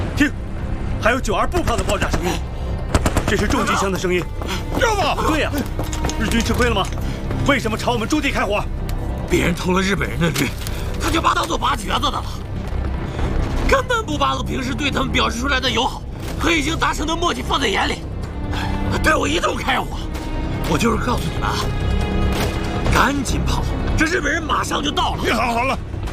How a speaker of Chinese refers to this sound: 这是日军的迫击炮啊！